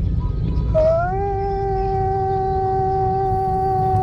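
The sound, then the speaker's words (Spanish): A voice imitates a long, mournful lament heard just after midnight, one sustained tone that slides upward at the start and then holds steady for about three seconds over a low, rumbling background. “Y total, se escuchó un lamento, pero un lamento así muy triste, más o menos así.”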